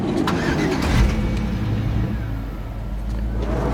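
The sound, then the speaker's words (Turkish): A minibus engine catches and rumbles low and steady, swelling briefly early on, then settles into an even, continuous drone as it drives off. No voices are heard. “Minibüse bin.”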